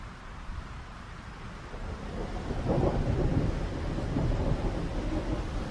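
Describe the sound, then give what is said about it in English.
A thunderstorm roars over the Fynbos with deep rolling thunder and steady rain, while violent gusts of wind buffet the microphone; the rumble swells louder midway and stays heavy, with no voices. “Facing the storm at the end of the world, a solitary ostrich continues to peck at the ground, leaning into the wind, determined to keep his plumage intact.”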